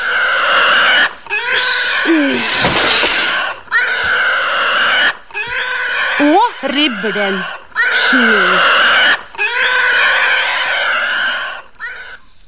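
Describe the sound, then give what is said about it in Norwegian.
A pig squeals and grunts loudly in a string of harsh, shrill bursts with short pauses between them, while a man's voice speaks briefly over the noise. “Man tager en gris.”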